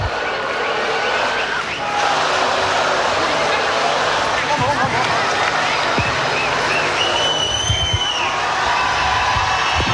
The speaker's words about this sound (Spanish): Están pidiendo más fuerte el aplauso para esta gran banda nacional.